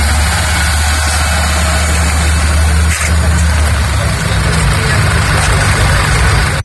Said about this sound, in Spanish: Junto a ese movimiento de personas, la mañana dejaba también la llegada de autobuses, eso sí, a un ritmo lento, así se marchaban.